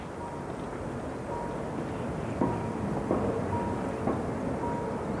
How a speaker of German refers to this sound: Der Zug aus Chur kämpft sich die steile Strecke hinauf.